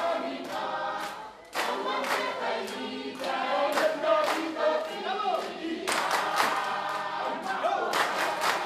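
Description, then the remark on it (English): Traditional Kiribati music, played on ABC Radio Australia's Culture Compass: a group of voices sings together in loud, sustained chant-like lines, punctuated by sharp bursts of rhythmic hand clapping that come and go throughout. “This is the music of Kiribati.”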